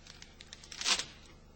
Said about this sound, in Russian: Если письмо окажется в мешке, оно могло порваться и там. Порвите-ка мне еще один или два пакета, быстро.